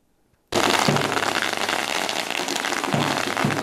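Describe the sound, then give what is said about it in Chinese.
A string of firecrackers erupts suddenly after a brief silence and keeps crackling loudly and continuously, a dense, sharp rattle of rapid pops, as the Pumen High School baseball team, runner-up at the 115th Yushan Cup national youth baseball championship, walks into its campus. “鞭炮声不断，球员整齐走进校园，两旁学生热烈迎接。”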